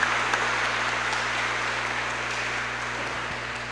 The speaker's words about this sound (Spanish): Y le damos un aplauso de gratitud a Jesús en el cielo por esta noche tan hermosa que nos ha permitido vivir.